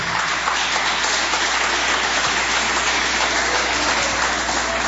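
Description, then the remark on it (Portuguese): Steady, dense applause from a crowd clapping their hands for Jesus, a continuous hiss-like wash of claps lasting the whole clip with no voices over it. “Podeis assentar, assentando aquelas palmas bem bonitas para Jesus.”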